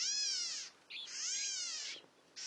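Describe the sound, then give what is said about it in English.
A California gnatcatcher gives a series of three nasal, kitten-like mewing calls, each a harsh, buzzy rising-and-falling note, fairly loud and high-pitched with brief pauses between them. “California gnatcatchers look and sound much the same.”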